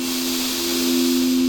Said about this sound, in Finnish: Ja syvä hengitys sisään.